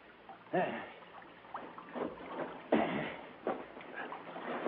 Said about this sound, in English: we drifted into the beach. As we slid the boat up on it... Now, there we are.